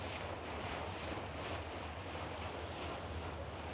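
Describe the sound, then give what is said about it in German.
Steady rumble of a boat moving along the Elbe river from Krautsand, Germany, with rushing water and gusty wind buffeting the microphone, a continuous low engine drone underneath; no voices. “Deswegen bin ich in Krautsand an Bord gegangen.”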